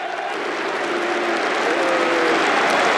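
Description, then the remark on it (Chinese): A large stadium crowd of both Arsenal and Aston Villa fans applauds steadily as Konsa makes his first appearance for Arsenal in the 79th minute. The clapping is a dense wash that holds loud throughout and swells slightly toward the end, with faint crowd murmur underneath and no speech. “第79分钟，他首次代表枪手出场，得到了双方球迷的掌声。”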